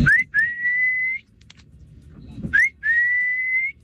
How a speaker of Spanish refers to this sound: Ese era el silbido de mi mamá, bicho. Así me silbaba.